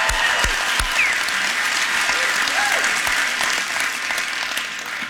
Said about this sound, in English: So I guess let's give a round of applause for Fallon, Nevada and the wonderful people here.